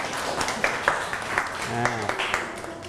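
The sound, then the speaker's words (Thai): A class claps for group 6 in a steady patter of sharp, overlapping hand claps that run the whole time, with a voice speaking briefly over the applause partway through. “โอเคครับขอบคุณครับปรบมือให้กลุ่มที่6อีก1รอบครับ”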